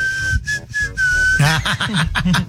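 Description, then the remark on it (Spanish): A loud, shrill driver-style whistle sounds in a few quick, sharp bursts, then gives way to lively voices and laughter. “De a silbido, de a chofer, caray.”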